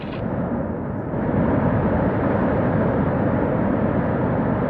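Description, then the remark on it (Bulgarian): A loud, steady roar of rushing water, like a strong flood surging past as water taps are turned up to full flow, which swells slightly after the first second and then holds constant with no voices. “А сега най-повече вода!”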